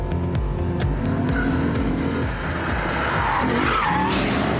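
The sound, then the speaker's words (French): An RCF car's engine roars loudly with shifting harmonic tones, driven with electronic assists off, then tires scrub and skid with a broad hissing screech as the car brakes hard and turns through a tight corner, no talking over it. “On va aller voir comment ça se passe dans les virages serrés. Alors, le freinage, il est juste diabolique.”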